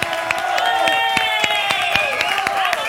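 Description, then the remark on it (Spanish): An audience applauds the models with sharp, irregular claps over a steady wash of cheering voices and sustained tones, holding an even, fairly loud level throughout. “aplauso para las modelos.”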